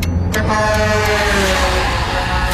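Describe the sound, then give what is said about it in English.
A truck's air horn blares in one long, sustained, loud honk at a car merging too close in front of the truck, over a steady rumble of road traffic. “I'm going to pull in front of this truck.”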